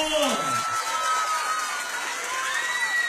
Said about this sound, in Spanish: Vamos con los aplausos de todo el mundo.